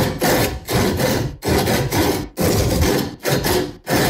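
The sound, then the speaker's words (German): A handsaw rasps back and forth through wood in loud strokes, some long and some short, with brief pauses between them, forming a deliberate rhythm that plays the tune of a pop song. No voices. “Hey, wir haben uns sowas von die Sägespäne und Zähne ausgebissen beim unserem Sägesong.”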